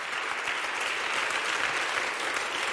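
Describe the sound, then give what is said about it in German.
Steady, dense applause from a large audience in the large broadcasting hall on the Halberg after the Black Bläser Ensemble of the Hochschule für Musik Saar, at the 2026 HFM Goes Radio on SR Kultur; many hands clapping in a continuous, even wash with no voices standing out. “Das ist euer Applaus.”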